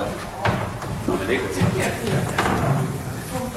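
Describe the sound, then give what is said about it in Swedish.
A door swings shut with a couple of dull wooden knocks and bumps while voices murmur in the background throughout. “Jag skickar in allihopa och stänger dörren.”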